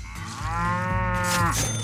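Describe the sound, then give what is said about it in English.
A single long, loud moo from Bessie, the magical cow brought out of the barn, with a rich harmonic drone that holds steady before sliding down at the end. No voices accompany it. “Let's get Bessie, our magical cow, out of the barn and see how much she has for you to start the day.”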